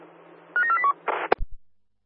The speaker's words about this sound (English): Lift number 3, dialing and ringing but not connecting, over.